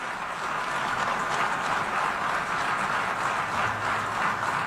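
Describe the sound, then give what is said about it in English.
An audience applauds at the end of a speech, a steady wash of many hands clapping at an even, sustained loudness for several seconds without pause, with no voices rising above it. “I just wanted to play that part where they applauded at the end.”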